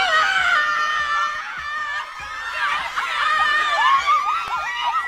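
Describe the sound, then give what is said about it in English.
A crowd of women screams excitedly for Drake at his third annual Strong Women, Stronger Drinks event, many high-pitched shrieks and squeals overlapping continuously, loud, with some laughter mixed in and no clear speech. “I mean, women scream for Drake on a normal day. They were extra loud last night, and I don't blame them.”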